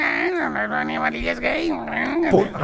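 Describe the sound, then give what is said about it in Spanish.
A person imitates a kitten meowing with a drawn-out, wavering voice, the pitch rising and falling in a few meow-like swells, fairly loud. “El gato maullaba así.”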